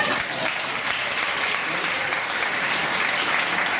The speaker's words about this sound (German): Wer ist die über 30? Mach mal einen Applaus.